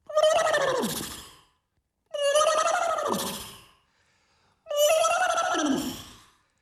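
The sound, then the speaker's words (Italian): An alarm clock sounds a horse neighing three times in a row, loud, each whinny a harmonic cry that slides downward and fades, separated by brief pauses. “Bellissimo questo nitrito, la sveglia col nitrito.”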